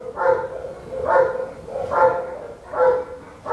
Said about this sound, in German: Das ist ein belgischer Schäferhund und die sind eigentlich für Polizei und Zoll und so.